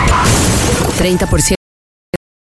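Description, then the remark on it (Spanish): A loud car crash: a dense, noisy burst of impact and breaking sounds for about a second and a half, then an abrupt silence broken by one short, sharp bang. “Problema. Chocaste.”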